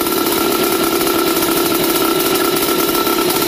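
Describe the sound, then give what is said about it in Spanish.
A small motorcycle engine, kick-started with two kicks after the fuel valve is opened, runs steadily, a loud, continuous buzzing rattle with no change in pace and no voices over it. “Dos pataditas y ya arranca, eso ya queda lista, vea, y suena de lo lindo, vea.”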